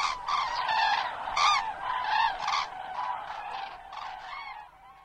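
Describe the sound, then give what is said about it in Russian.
Cranes call again and again in loud, overlapping bugling cries, a ragged chorus of rising honks that continues without pause before tapering slightly at the end. “И журавли прокричали три раза не как утром «Победа», а похоже на «Спите, но помните, мы вас всех скоро разбудим, разбудим, разбудим».”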